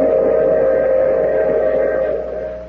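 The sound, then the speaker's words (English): A train whistle blows one long, steady note as the train arrives, over a low rumbling of rail noise, loud, easing off slightly at the very end. No one speaks. “I take this same train every week at the same time.”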